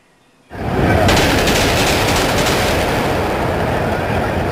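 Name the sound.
gunshots fired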